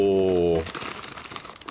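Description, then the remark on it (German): A voice holds a drawn-out vocal sound, then the packaging of a sweet cinnamon churros snack rustles and crackles steadily for about a second as it is opened, a dense, bright, irregular crinkling at moderate loudness. “es knistert ein bisschen, entschuldigt.”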